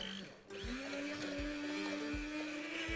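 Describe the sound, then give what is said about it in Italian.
A blender whirs steadily, its motor pitch climbing and then holding at a sustained whine, with rhythmic low thumps as a chef purées beans inside the jar for pasta e fagioli. “Direttamente anche con un po' di acqua di cottura, mentre il nostro chef ci frulla i fagioli.”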